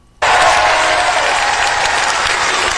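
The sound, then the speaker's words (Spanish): A large crowd of Trump supporters bursts into sustained, loud applause for Donald Trump after a brief silence, the dense clapping continuing steadily without letting up. “Oye, los trompitos aplaudiéndolo.”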